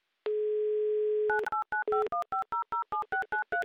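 A steady telephone dial tone holds for about a second, then a quick run of roughly a dozen touch-tone beeps as a phone number in Rostov-on-Don is dialed for an outgoing call, clear with no voices.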